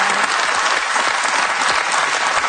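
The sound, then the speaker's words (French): An audience claps steadily, a dense wash of many hands with no break in the rhythm, fairly loud and unaccompanied by any voices. “Je suis sûr qu'il y a des jeunes femmes qui vous regardent, qui vous applaudissent. Comme ça.”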